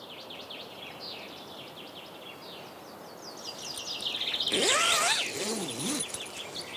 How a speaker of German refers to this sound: Man hört hier nichts. Außer Vögel.